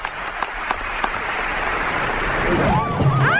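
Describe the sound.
Steady audience applause, a dense wash of clapping that swells slightly louder toward the end, with a few sharper claps early on and voices rising faintly through it near the close.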